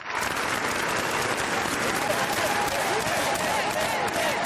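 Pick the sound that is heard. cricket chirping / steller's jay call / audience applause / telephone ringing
audience applause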